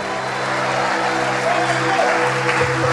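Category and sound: crowd, audience applauding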